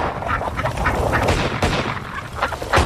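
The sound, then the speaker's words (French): Ducks quack busily across a dense, noisy scene, with a few sharp gunshot bangs as someone shoots at the ducks, one near the middle and another loud one at the end. “D'après vous, combien de canards je peux descendre en 30 secondes?”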